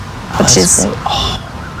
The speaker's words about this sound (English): these foxes can sometimes cry out during specific situations like danger, but can also make noises of affection during more menial social contact, even something as simple as family interactions.